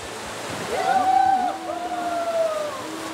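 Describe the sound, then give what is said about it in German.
Steady rushing of the Leine, a small river, fills the whole stretch, a constant wash of water, with a faint, indistinct voice-like tone drifting over it in the middle. “Also ich liebe an der Leine das Rauschen des Wassers, dieser Ton, dieser Klang.”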